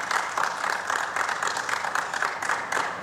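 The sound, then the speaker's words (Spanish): Steady applause for Lionel Scaloni fills a press conference room: a dense, continuous patter of many hands clapping at an even loudness, with a few sharper claps standing out. No one speaks over it. “E aí recebe os aplausos lá na sala de coletiva.”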